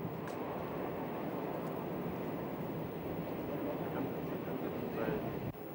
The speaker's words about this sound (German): Wir wollen uns nun die wichtigsten dänischen Dampfloks in historischen Aufnahmen einmal etwas genauer ansehen.